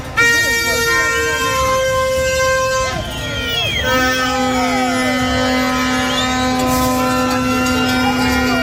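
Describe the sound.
Many car horns blare at once in a loud, continuous jam of overlapping tones, some long and steady, others short toots, with indistinct voices mixed in, as long columns of cars are held up by protesters refusing to leave the middle of the street, paralyzing traffic including in Pasajul Victoriei.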